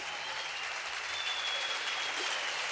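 A crowd claps steadily for a few seconds, a dense wash of many hands with no single claps standing out, fairly close and even in loudness throughout.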